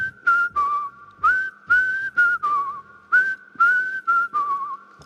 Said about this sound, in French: on va voir si tu sais siffler maintenant, on s'endort, ça nous donnera une petite idée. Alors on va tenter.